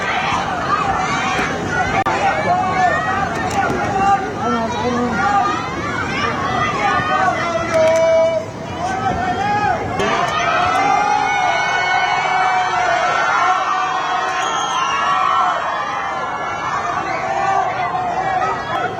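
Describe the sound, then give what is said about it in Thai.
Residents standing on building balconies shout and jeer at the Prime Minister in displeasure, a crowd of voices rising and falling continuously in a dense, agitated hubbub with no clear individual words standing out. “ก็มีประชาชนส่วนหนึ่งนะฮะออกมายืนบริเวณระเบียงพร้อมกับตะโกนใส่นายกแสดงความไม่พอใจระบายความอัดอั้นตันใจความเดือดร้อนเนี่ยครับลองฟังดูในช่วงนี้นะฮะ”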